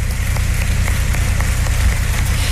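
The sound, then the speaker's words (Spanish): A large audience in the Dominican Republic applauds steadily at a speaker's request, in honor of Dominican citizens: a dense, continuous wash of clapping that stays loud and even throughout, with no voices standing out. “Así que para esos dominicanos y dominicanas pido un inmenso aplauso porque es una cifra impresionante.”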